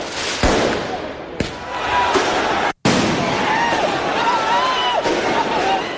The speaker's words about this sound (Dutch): Na de winst van de voetbalclub Paris Saint-Germain in de Champions League gingen mensen de straat op in de Franse hoofdstad. Er werd brand gesticht en veel vuurwerk afgestoken.